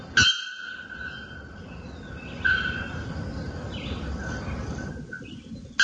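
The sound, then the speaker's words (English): A bare-throated bellbird gives loud, sustained metallic calls, one starting right away and another about two seconds later, while a fainter call from another bellbird answers. “And this is the bare-throated bellbird's call.”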